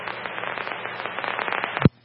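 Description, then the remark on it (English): Fireworks crackle in a dense, rapid string of pops for nearly two seconds, capped by one heavier low boom before the sound cuts off abruptly. “We're back at the fireworks.”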